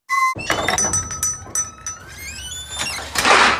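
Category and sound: household object, kitchen drawer sliding open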